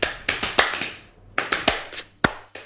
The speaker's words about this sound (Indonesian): Jadi kayak kalau tepuk pramuka tuh gini, 1, 2.